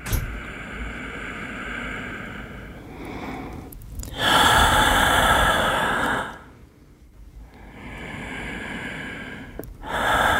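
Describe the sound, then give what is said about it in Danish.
Heavy human breathing: a few long, rasping breaths in and out with short pauses between them, the louder inhalations sounding like gasps. No one speaks. “Vi trækker vejret. Helt uden at tænke over det.”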